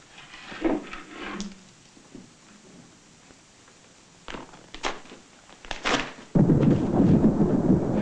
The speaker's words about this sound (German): Mit dem Donnerwetter ging das Ganze los.